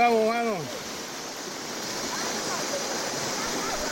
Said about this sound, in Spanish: Van cruzando río.